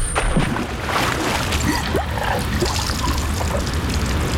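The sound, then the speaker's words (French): An anchor drops into the water, followed by a steady wash of splashing, churning water that stays loud and even throughout, with no voices. “Jetez l'ancre !”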